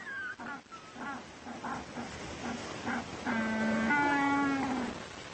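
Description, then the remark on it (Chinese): A male jackass penguin brays like a donkey to court a female: a run of short, rhythmic honking pulses builds into a long, loud, sustained nasal call with a wavering harmonic tone at the end. “据说雄鸟靠驴子般的叫声来打动雌鸟的芳心。”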